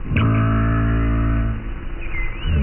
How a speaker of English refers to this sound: Yes, minke whales sound like plucked strings.